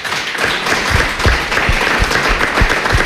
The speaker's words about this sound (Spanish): le damos a los vecinos un aplauso a Paula